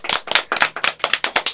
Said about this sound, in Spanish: Ay, esas mamás y esa abuelita. ¡Un aplauso! ¡Bravo!